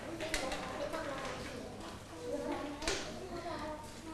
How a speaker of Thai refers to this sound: ปรบมือให้เพื่อนก่อนค่ะ